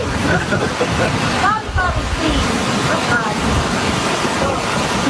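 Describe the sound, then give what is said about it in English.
Steady, loud roar of ocean surf breaking on a shoreline, a continuous wash of crashing waves with faint voices briefly audible underneath. “Okay, they're right on the ocean, too. They got waves crashing there.”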